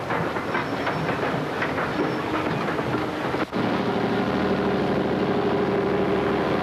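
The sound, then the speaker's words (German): The heaviest electric locomotive of the Deutsche Reichsbahn, rated at 6000 horsepower, rumbles past hauling measuring cars, wheels clattering rhythmically over the track joints; after a brief break, a steady low mechanical drone and rolling noise continue, loud. “Die nächste Lokomotive ist die schwerste elektrische Lokomotive und mit ihren 6000 Pferdekräften die stärkste Lokomotive der Deutschen Reichsbahn.”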